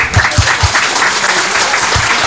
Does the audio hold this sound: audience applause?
yes